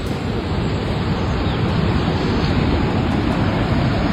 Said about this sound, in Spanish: Todo lleno de agua. El canal rebalsado.